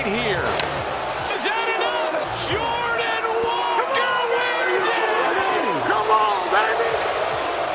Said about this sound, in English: Hear that crowd in the background? Yeah, I hear some serious booing back there. He was asked about it. Jordan Walker was asked about it because he beat Kyle Schwarber, who was in the lead, who is hometown Philly guy.